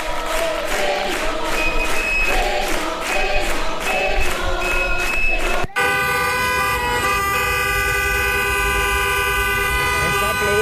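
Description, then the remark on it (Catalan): Many car horns honk loudly and continuously during a protest car march early in the morning at the Redona dels Amets in València, overlapping in rhythmic bursts at first, then merging into a sustained wall of blaring horns amid traffic noise. “Era el so a primera hora a València, a la Redona dels Amets, amb una marxa en cotxe que ha col·lapsat.”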